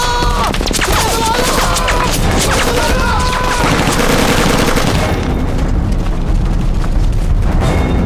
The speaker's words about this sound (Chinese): 枪声传来，只会有一个小队的。